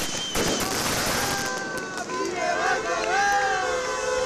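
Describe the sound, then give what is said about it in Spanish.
At the Tubos Reunidos plant in Amurrio, workers from other Ayeraldea companies greet the first shift returning after a three-month strike with flares, dense clapping and shouts of support; sharp bangs, raised voices cheering over the din, growing louder toward the end. “Lo hacían entre bengalas, aplausos y gritos de apoyo por parte de trabajadoras y trabajadores de otras empresas de Ayeraldea que también pasan por conflictos laborales.”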